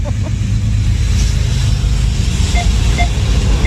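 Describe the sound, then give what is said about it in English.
A train going the other way on the tracks rumbles by loud, a steady heavy low roar with broad noise above it and a few faint short beeps near the end. No one speaks. “Oh, there's another train going the other way.”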